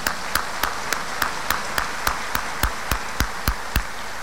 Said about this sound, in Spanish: gracias a mi corte real que está aquí presente, a mi reina y a las princesas de todos los fresnillenses. Bienvenidas, un aplauso para ellas, gracias por estar aquí.